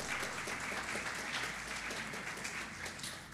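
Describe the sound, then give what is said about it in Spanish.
An audience applauds together to worship the Lord in a steady, dense wash of clapping that stays loud throughout, with no single claps standing out and only faint voices beneath it. “Adore al Señor con un fuerte aplauso si usted cree que el Señor es su dueño.”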